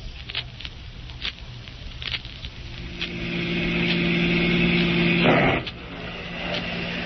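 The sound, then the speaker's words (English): Steady rain pattering with occasional sharper drips, while a car engine hums and rises midway, ending in a brief loud whoosh before the rain carries on alone. “I don't feel like driving way out there in all this rain.”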